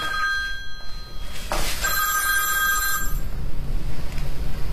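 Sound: telephone ringing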